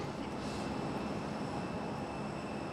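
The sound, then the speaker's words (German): A steady, continuous jet engine roar with a high-pitched whine on top, an airplane taxiing to its parking stand at an airport, where ground crew wait to refuel and load it. The sound holds constant and loud, with no voices. “Sobald die Maschine steht, muss es schnell gehen.”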